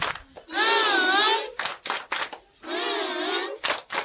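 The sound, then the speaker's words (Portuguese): Short bursts of hand clapping from a group applauding everyone, alternating with two long stretches of a loud, buzzy, wavering tone that rises and falls. “Todos estão de parabéns! Palmas carinhosas!”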